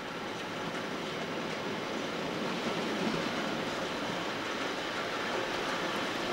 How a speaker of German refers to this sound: Nur der Umgang mit den Verkehrsmitteln kann atemberaubend werden, wenn der Expresszug plötzlich Straßenbahn spielt und sich durch Engpässe zwängt.